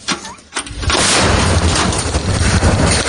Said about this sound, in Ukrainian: А коли дрони не працюють, особливі загрози проривів і так далі, тоді включається, як казали, говорять гармати. Постріл!